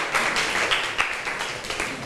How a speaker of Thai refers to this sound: เรามาดูคำตอบกันเลยค่ะถูกต้องค่ะนักเรียนเก่งมากปรบมือให้เพื่อนค่ะ